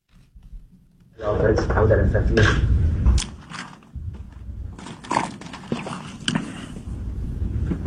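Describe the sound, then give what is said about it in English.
Philadelphia Eagles quarterback Jalen Hurts takes a long sip of his water into a microphone while being asked about A.J. Brown potentially being traded, with gulps, bottle clicks and handling knocks over a steady rumbling background for several seconds, without clear speech. “So that's Jalen Hurts taking a long sip of his water, being asked about A.J.”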